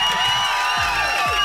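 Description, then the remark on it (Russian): Applause and cheering in a Europa Plus radio studio for a listener who won a hoodie, a dense, steady wash of clapping with bright whoops and tonal whistles layered over it, loud and continuous for the whole moment with no talking. “И эти аплодисменты для тебя.”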